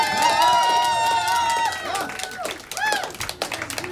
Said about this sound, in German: Also, hey, bitte schnell einen lauten Applaus für alle Helferinnen und alle Organisatorinnen von diesem Festival.